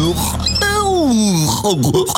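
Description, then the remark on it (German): A person's voice imitates a rutting stag's bellow, one long, loud groaning call that slides down in pitch before rising into a brief second moan, with no other sounds around it. “Ich hab gerade versucht, einen Hirsch nachzumachen, hörst, und das mit 1000 Dezibel vor deinem Zelt”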